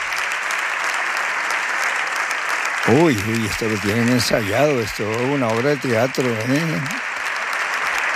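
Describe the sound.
Dense, steady applause from the right and far-right benches of a parliamentary chamber for Santiago Abascal runs throughout, an even wash of many hands clapping, while a man speaks over it for several seconds midway.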